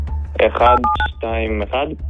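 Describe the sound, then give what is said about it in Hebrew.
A few short mobile phone keypad tones beep in quick succession as a three-digit code is entered on a mobile phone in a studio, sandwiched between bursts of voices talking. “באולפן יש לנו טלפון נייד, 3 ספרות לקוד.”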